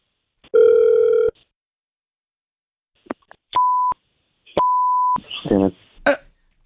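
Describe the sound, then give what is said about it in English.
An outgoing phone call placed by the hosts of the Get Up Crew show: a short buzzy tone, then two steady electronic rings with a gap between, followed by a voice briefly answering over the line. “Stay quiet. We're going to call him right now.”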